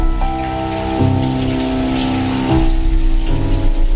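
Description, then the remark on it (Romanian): Light rain falls steadily, a soft, continuous patter with faint scattered drops, accompanied by a low, constant hum in the background and no voices. “Pentru ca ieșind la aer sub picurii de ploaie răriți”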